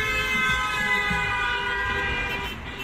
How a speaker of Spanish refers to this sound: En 1914 llegó el claxon eléctrico y la evolución siguió hasta las bocinas que conocemos hoy y disfrutamos hoy en día.